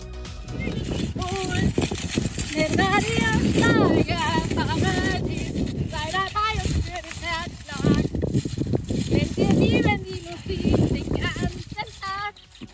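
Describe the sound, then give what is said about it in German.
A woman from Schönberg on the Baltic coast sings continuously while galloping on a horse in very strong wind, the loud, blustery wind roaring over her voice, with the rapid rhythmic thud of the galloping horse underneath. “Sie ist beim Singen gleichzeitig auf dem Pferd galoppiert und das gefühlt bei Windstärke 10 hat dann so geklungen.”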